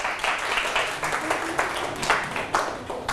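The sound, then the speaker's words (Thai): A group of students clap together for a classmate in a classroom, a dense, steady patter of many hands lasting a few seconds at moderate loudness, with faint voices mixed in. “เอาปรบมือให้เพื่อน”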